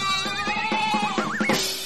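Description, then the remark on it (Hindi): A goat bleats in a single wavering, quavering call lasting nearly two seconds, fairly loud, with its pitch trembling up and down before breaking off. “कसाई आ गया। अरे ओ सांबा, कितने बकरे हैं?”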